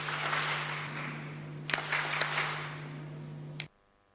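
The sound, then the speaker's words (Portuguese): An audience applauds steadily for a few seconds for the province of Nampula, a dense wash of clapping over a low electrical hum, then the sound cuts off abruptly. “Peço palmas carinhosas à província de Nampula.”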